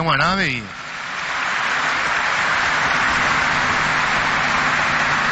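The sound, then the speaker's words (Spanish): A crowd at a Holy Mass at the Basilica breaks into steady, sustained applause, a dense wash of many hands clapping that swells after a brief sung or spoken phrase at the start and holds loud throughout. “Y a todos nosotros, lleva un fuerte aplauso.”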